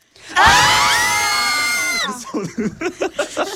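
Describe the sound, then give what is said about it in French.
A footballer locked inside a toilet with a jammed door, in Lorraine, lets out a long, loud, strained shout that holds for over a second, then breaks into a run of short, rapid, forceful vocal outbursts. “Eh ben, il faudrait intervenir assez rapidement, s'il vous plaît, parce que je crois que le joueur commence à crier.”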